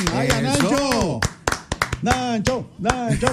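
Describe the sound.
A short burst of birthday applause at 7:14 in the morning, several people clapping in quick, irregular claps, with loud, excited voices cheering and talking over it throughout.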